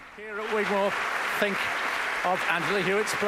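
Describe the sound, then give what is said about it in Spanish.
Steady applause from a large audience at the Gigmore Hall for Angela Hewitt fills the hall, a continuous crackling wash of clapping heard under a man's voice speaking over it. “Y escuchamos cómo la audiencia sigue aplaudiendo en el Gigmore Hall a Angela Hewitt.”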